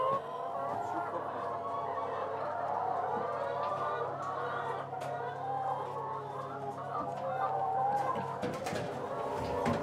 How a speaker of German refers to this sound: Auf einer Wiese in Holtland steht sein mobiler Hühnerstall. 300 Freilandhühner legen dort jeden Tag etwa 270 Eier